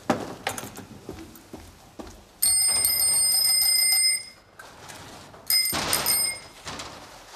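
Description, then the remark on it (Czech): Bicycle bells being tested at a new-bicycle shop ring out in two loud, bright bursts, the first a long sustained trill and the second shorter, after some clattering knocks at the start. No one speaks. “Já jsem vedoucí, já zkouším zvonky.”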